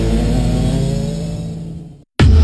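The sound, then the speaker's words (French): A small bioethanol-fuelled go-kart engine revs loudly at a karting track in Crolles near Grenoble, its harmonic whine holding steady then fading off, followed by a brief silence before another burst of engine noise cuts in. “Prenez le volant des kartings fonctionnant au bioéthanol. À fond dans la ligne droite.”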